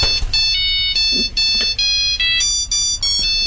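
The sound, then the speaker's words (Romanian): A mobile phone ringtone plays loudly and continuously, a bright electronic melody of repeating high tones in short phrases, with no one speaking over it. “Domnul Bucur, domnul, vă sună telefonul.”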